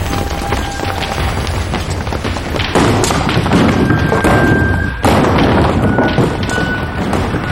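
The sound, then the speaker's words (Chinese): A loud, continuous clatter of heavy thuds and crashes as the Baili family's ancestral tablets and other objects are smashed and knocked down in the family's most sacred place, with bursts of impacts swelling around the middle and a few faint tonal rings. “百里家最神圣的地方正遭受着异族的凌辱，一个千年的家族就此坍塌，祖宗们恪守着的一切随着牌位一同倒下”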